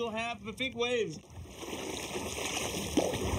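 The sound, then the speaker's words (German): A voice speaks briefly, then a large wake wave from a passing large ferry, the Ærø ferry, washes against a kayak in a steady rush of churning water, with one sharper slap of water near the end. “Achtung, gleich kommt eine große Welle.”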